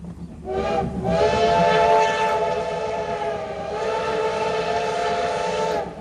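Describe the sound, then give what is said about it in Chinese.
The CT273 steam locomotive of the Formosa Express (宝岛号) rumbles along through the Huadong Rift Valley and rice paddies while its shrill whistle blows loud and long for nearly the whole stretch, dipping briefly midway before sounding again. “黑色车头穿越了花东纵谷和稻田，蒸汽火车跟自然景色交织，也成了每年仲夏宝岛号出行的最大亮点。”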